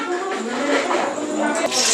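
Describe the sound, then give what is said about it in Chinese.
Home-cured pork (lao larou) sizzles and crackles steadily as it is stir-fried in hot oil in a wok, with red chillies added for aroma, a dense hiss that holds throughout, with a faint voice murmuring underneath. “下油锅爆炒，再加入红辣椒增香，最后倒入切好的牛肝菌。”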